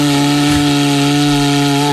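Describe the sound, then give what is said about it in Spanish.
An engraved cuerno bocinero (cow horn trumpet), made by artisans in the Basque Country, blown in one long, steady, low, buzzy note, loud and unbroken for about two seconds before stopping abruptly. No one speaks. “Que si alguien quiere hacer una demostración de cómo se toca el cuerno bocinero dignamente, yo no, porque era un regalo”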